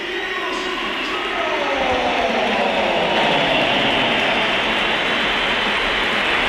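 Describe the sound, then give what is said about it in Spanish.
A stadium crowd at the Bernabéu roars steadily with a mix of cheering and whistling as Vinicius Junior is substituted off, opinions divided, while Mourinho applauds; a dense wash of noise that swells slightly and holds loud for several seconds without letting up. “División de opiniones y Mourinho aplaudiendo en alto, por si había alguna duda.”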